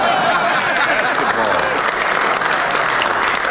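A crowd claps steadily and loudly for a few seconds, a dense wash of many hands with no pauses, with faint voices mixed into the applause.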